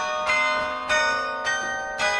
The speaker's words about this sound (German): Seit letztem Winter spielt er das Carillon, also Glockenspiel, in der Kasseler Karlskirche. Immer wenn er keine Schule hat, steigt er hoch hinauf in den Glockenturm.